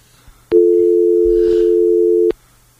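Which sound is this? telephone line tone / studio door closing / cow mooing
telephone line tone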